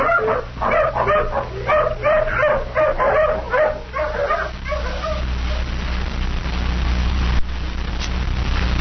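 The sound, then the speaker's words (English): A tracking hound following a scent from a shirt barks and yips in a quick, repeated series of loud calls for about five seconds, then falls quiet over a low, steady rumble of background noise. “Come on, hound, sniff.”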